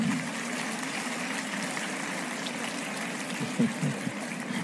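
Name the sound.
audience applause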